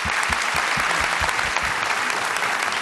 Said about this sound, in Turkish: Evet, şimdi güzel bir kardeşimiz geldi. Şöyle bakın. Vallahi Filinta gibi adam. Bir alkışlar.